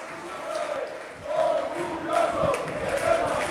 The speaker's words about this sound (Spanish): ¡Izan, Izan!, grita el público. Van coreando el nombre de algunos jugadores.